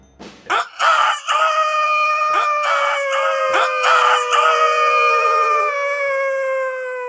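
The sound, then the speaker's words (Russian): A rooster crows loudly in a long, drawn-out call, with several overlapping crows layered over a few seconds before fading slightly. No one speaks. “Хватил солдат его за бороду и до тех пор угощал тесаком, пока петухи не запели.”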